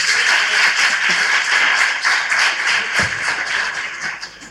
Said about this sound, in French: C'est pourquoi j'aimerais qu'on applaudisse très très fort l'ONG à Nourat.